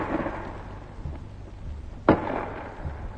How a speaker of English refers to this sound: First, a 5.5 gun fired at the wall of the fort for an hour or more at point-blank range, about 250 yards. The first bang you heard was the gun firing. Then the second was the shell bursting on the wall.